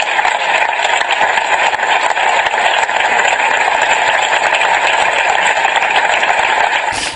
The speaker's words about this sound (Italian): Gli applausi nel ricordo.